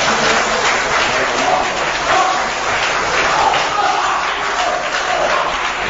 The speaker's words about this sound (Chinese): 感谢您的掌声， 谢谢大家。